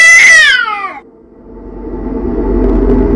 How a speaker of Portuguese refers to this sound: O miado do gato.